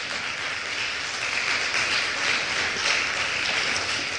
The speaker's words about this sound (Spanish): Otro aplauso, por favor, a Jesús.